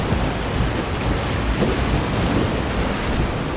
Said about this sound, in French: Je sais pas si le bruit des vagues empêche d'entendre, mais...